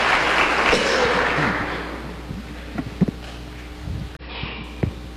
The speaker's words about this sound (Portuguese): Uma salva de palmas a todos os dizimistas da nossa paróquia e da nossa diocese.